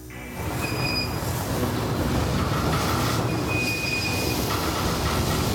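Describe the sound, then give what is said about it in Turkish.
Freight train wheels squeal in thin, high-pitched bursts over a steady, heavy rumble of rolling rail cars as the train, running at 56 km/h, loses its brake air and stops suddenly after an air hose on the second car burst, with no voices present. “Hava kesildi ve bir anda durduk.”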